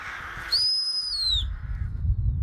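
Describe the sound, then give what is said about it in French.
A single sharp, high human whistle, made to scare off birds, held steady for about a second, then sliding slightly downward before cutting off, followed by low outdoor rumble like wind. “à chaque fois que je fais des forgerons, je siffle comme ça”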